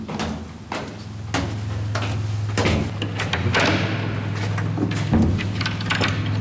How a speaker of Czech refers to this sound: otevírá dveře.